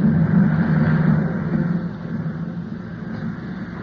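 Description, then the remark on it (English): A small plane's engine drones steadily as it comes in to land, a low rumbling hum with a rough buzz that eases slightly in loudness over a few seconds, no voices. “He's bringing the plane down.”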